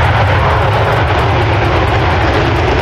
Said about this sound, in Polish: 5 kolejnych najnowocześniejszych myśliwców świata F-35 jest już w Polsce. Dzisiaj po południu wylądowały w Łasku. Łącznie mamy takich maszyn już 8.